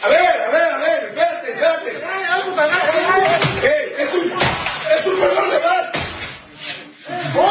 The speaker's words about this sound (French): Donc, ce qu'on voit, c'est des hommes armés qui défonce, on entend bien le bruit, la porte de sa résidence.